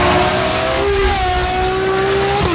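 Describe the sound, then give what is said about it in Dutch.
The V12 engine of a Ferrari 12Cilindri fitted with a Novitec Race Exhaust System wails loudly and steadily as it revs, its pitch holding high with slight rises and dips, continuous with no talking. “Dit is de Ferrari 12 cilindri met een Novitec Race Exhaust System.”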